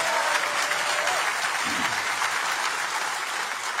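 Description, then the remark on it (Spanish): Steady applause from a crowd, a dense crackle of many hands clapping at an even loudness throughout, with no voices standing out. “Si lo vas a hacer, dáselo a Jesús, porque ese aplauso no aparece para Él.”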